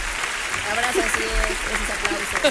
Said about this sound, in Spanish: te mandamos un fuertes aplausos.